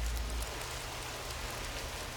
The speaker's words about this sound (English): It's like one of my favorite parts of having to open a garage is when it starts raining like that. The sound is nice, you know.